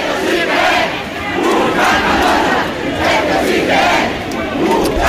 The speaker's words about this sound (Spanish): A las 6 de la tarde, desde el paraje de las Arrodeas, bajó el Cascamorras hacia el centro de la ciudad bastetana, rodeado, coreado, vitoreado por miles y miles de personas.